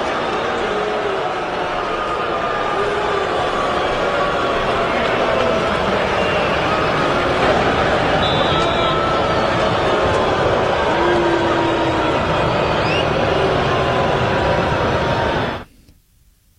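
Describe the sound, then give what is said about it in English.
A huge stadium crowd at Hard Rock Stadium boos Tua Tagovailoa on his return there after six seasons with the Dolphins, in a dense, unbroken roar of many voices, holding steady and loud for about fifteen seconds before cutting off abruptly. “After spending six seasons with the Dolphins, he made his return to Hard Rock Stadium tonight, And here is some of the reception that he received from the crowd.”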